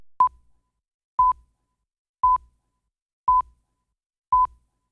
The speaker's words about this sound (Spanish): Espérate, que Brit me está hablando ahí en el teléfono y se escucha. 9:06, era un aviso.